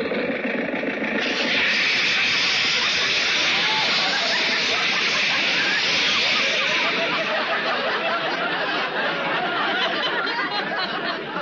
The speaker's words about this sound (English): Roger, the radiator blew its cap. See if you can fix it.